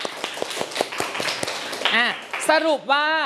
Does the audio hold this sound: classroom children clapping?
yes